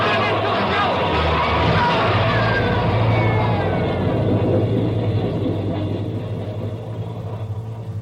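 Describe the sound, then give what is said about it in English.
A train roars through a tunnel in a loud, continuous rush of rumbling, clattering noise with a deep low hum, holding steady for several seconds before easing slightly at the end. “Crap, Ben, there's a train coming through.”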